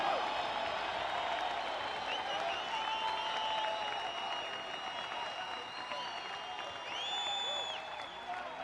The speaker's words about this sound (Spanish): Aplauden, griten, celebran el poder de su palabra.